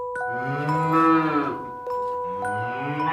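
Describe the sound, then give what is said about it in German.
A cow moos in a long, drawn-out low bellow that rises and falls, fairly loud. A steady high tone rings through the background, and no one speaks. “Doch tatsächlich sind Rinder alles andere als dumm.”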